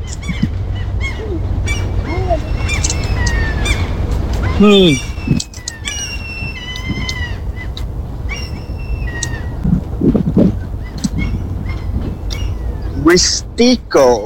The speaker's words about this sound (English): And you can hear the birds, maybe. I think this microphone should pick up those birds.